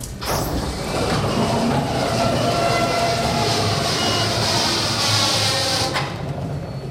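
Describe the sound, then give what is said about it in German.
A factory roller door at Rubner Holzbau GmbH, south of St. Pölten, Lower Austria, rolls up open with a loud, continuous rumbling clatter and a hissing high edge. It holds steady for about six seconds before cutting off, much like a passing train. “Was nach Verkehrslärm klingt, ist doch eine Tür.”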